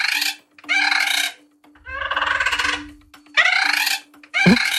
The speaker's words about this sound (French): Alors, c'est un perroquet ou un paon? Un perroquet. Un perroquet, bonne réponse.